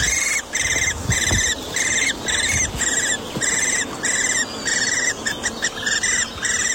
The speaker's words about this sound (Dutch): En hoort daar vanuit een boomholte gepiep. Wat zou dat wezen? Even de app erbij. En ja hoor, jonge boomvalken.